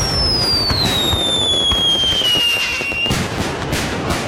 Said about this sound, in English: And on Sunday, July 5th, movie at the lake, vendors and food trucks, and you guessed it, more fireworks.